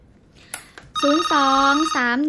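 A telephone rings loudly, a bright electronic tone with gliding pitches that starts after a couple of soft clicks and carries on steadily without pause, as a host opens the phone lines to callers on air.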